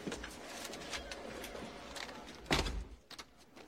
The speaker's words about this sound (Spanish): Danny sigue a Travis a su despacho y cierra la puerta.